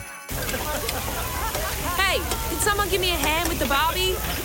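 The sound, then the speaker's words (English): Food sizzles steadily on a backyard barbecue grill, a continuous crackling hiss, with bright, rising and falling chirps and murmured voices layered over it. “Someone give me a hand with the Barbie.”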